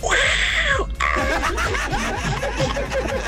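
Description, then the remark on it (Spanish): A person imitates a roar with one short, high-pitched, strained cry that sounds more like a kitten than a big cat, followed by breathy, snickering noise. “Y vamos a rugir.”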